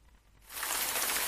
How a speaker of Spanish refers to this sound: La lluvia.